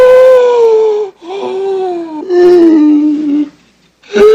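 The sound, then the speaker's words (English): Loud wheezing breaths of a man: a series of long, drawn-out whining tones that slide slightly downward, separated by brief gaps, with no talking, while another person rubs his back and neck in a room on the 11th floor. “Oscar stops, listening to Felix's noisy breathing.”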